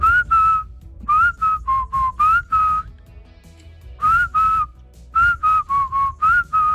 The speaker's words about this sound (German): Die 80er, 90er ohne zum Beispiel dieses Pfeifen undenkbar.